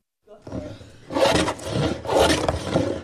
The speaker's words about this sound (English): The sounds of sanding, filing, and chipping, and the aroma of spruce fills a classroom in Thunder Mountain Middle School early Monday morning. Students are working on something pretty atypical of a conventional classroom experience.